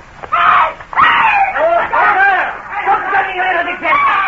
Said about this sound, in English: Tony Dewhurst, Andrew Foulkes and I, disguised as citizens of the Republic, were strolling along the Rue Saint-Honoré when suddenly ahead of us we heard a feminine scream. A moment later a girl came running towards us, closely pursued by four men.